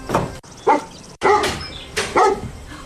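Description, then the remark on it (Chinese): A dog named Buddy, wearing a collar, barks in several loud, sharp bursts with short irregular pauses between them, some barks running together in quick pairs. No one speaks. “哦，你好啊，好可爱的狗。它肯定不是一条流浪狗，脖子上戴着项圈呢。”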